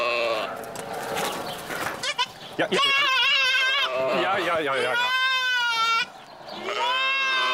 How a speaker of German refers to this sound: Ja, Ziegen sind so ein bisschen wehleidig manchmal. Ja, dir tut keiner was. Ja. Ja, doch. Kleine Hörnchen muss man aufpassen. Das Kleine ruft nach seiner Mutter.